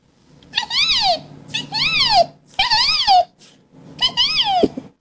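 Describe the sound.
A man imitates the resplendent quetzal's call: four loud, whistled, wailing notes, each rising and then sliding down in pitch, separated by short pauses, with no other talking.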